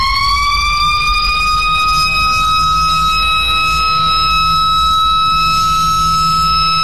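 A factory siren, bought on Shopee to be installed at a sewing workshop to sound at 6 a.m. and 5 p.m., wails loudly and steadily, its tone rising slightly and then holding for several seconds, with a low rumble underneath and no voices.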